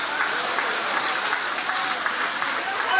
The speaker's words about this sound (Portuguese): Guarda a Bíblia com carinho e aplaude a Deus também com uma alegria. Isso, pode aplaudir.